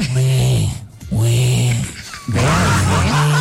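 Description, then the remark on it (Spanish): A person imitates a piglet squealing while mating in three loud, strained vocal bursts, each a rough nasal squeal with a wavering pitch, separated by brief pauses. “¿Cómo grita cuando un cerdito está haciendo el amor?”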